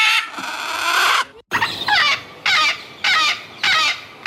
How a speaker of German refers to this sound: Diese exotischen Geräusche hört eine Radfahrerin bei der Fahrt entlang der Ager. Sie vermutet Papageien und sie täuscht sich nicht. In den Bäumen sitzen gleich mehrere Tiere.